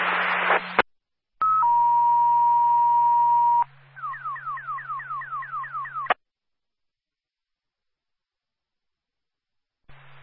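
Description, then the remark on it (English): Dispatch alert tones for Concord Ambulance 1, called to a motor vehicle accident at Booton Street and North State Street, play with no voices: a short radio burst, then a long steady tone lasting a couple of seconds, followed by a fast series of about eight rising warbling chirps, loud. “A still alarm for Concord Ambulance 1.”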